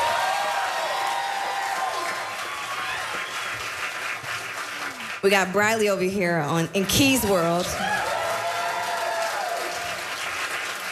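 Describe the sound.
A concert audience applauds steadily from start to finish as band members are introduced, a dense wash of clapping, with a man's voice briefly speaking over it partway through.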